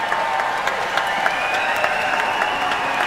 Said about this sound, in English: When Jeremy, who's the concertmaster, and really is very much leading what's going on the stage here, when he comes on at the beginning for his bow, would you please give him a much bigger cheer than you do on a normal Wednesday, Friday, or Saturday?